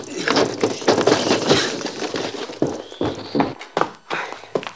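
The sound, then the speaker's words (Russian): Hurried footsteps thump and clatter across a hard floor in a quick, uneven rhythm, fairly loud, as a person opens a door and runs into a house, with a few heavier knocks near the end. “Открывает дверь, вбегает в дом.”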